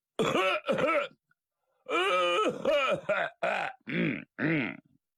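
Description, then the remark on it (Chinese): A voice imitates loud, resonant throat-clearing coughs: two short bursts, a brief pause, then five more strongly voiced, rhythmic ahem-like barks, portraying a man's habitual loud cough to announce himself before stepping into a starch-noodle workshop early in the morning. “他有个老习惯，进他们家也好，进粉房也好，未曾进屋先咳嗽，这叫亮嗓。”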